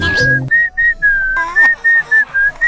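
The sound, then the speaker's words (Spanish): A person whistles a short, bright ringtone-like melody, a string of clipped notes in a quick rhythm, fairly loud, with a brief burst of noise at the start. “Yo no puedo hacer eso. O sea, pídeme lo que quiera, lengüita de taquito, voltear la lengua para todos lados. Chiflarme es...”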